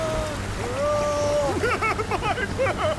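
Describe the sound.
Rough ocean surf churns steadily and loudly in the background while voices shout and call out over the rushing water.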